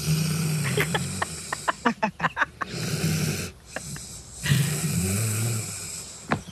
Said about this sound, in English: My favourite sound is my dog Riley snoring. I've got a sound of a dog snoring. Here we go.